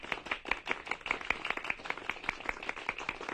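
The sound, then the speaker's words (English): Steady clapping, a quick run of sharp, evenly spaced claps that sounds like a small group applauding as Lady May unlocks the door of a new building, with no voices over it. “The key was then handed to Lady May, which unlocked the door of the new building amid much applause.”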